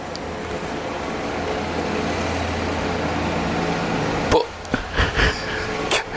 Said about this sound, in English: I mean, that's a really loud... I mean, that is ridiculous, isn't it? What is that? Is that a tractor